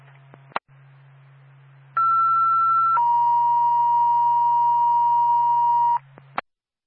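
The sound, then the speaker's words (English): Two-tone dispatch page for Twin State Bethlehem Ambulance, the second tones, over a radio channel: a steady higher tone holds for about a second, then drops to a lower tone sustained for several seconds, framed by squelch clicks and a low hum. “Confirming second tones requested.”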